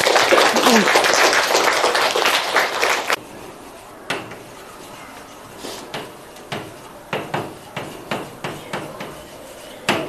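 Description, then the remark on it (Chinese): Dense, warm applause from a class welcoming a special guest to their lesson fills the first three seconds, then gives way to scattered, sharp individual claps and taps at irregular intervals as the clapping dies down. “那下面就让我们一起用热烈的掌声来欢迎这位嘉宾”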